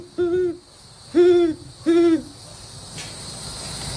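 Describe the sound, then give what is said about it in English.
A 12-year-old boy imitates an owl's call, giving three clear, evenly spaced hoots, followed by a quiet stretch of steady background hiss. “he didn't just become an avid birder. He became the expert on over 100 distinct bird calls.”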